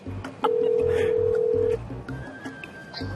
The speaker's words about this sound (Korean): 아직 안에서 사진 찍는 저희가 전화 연결 한번 해보겠습니다.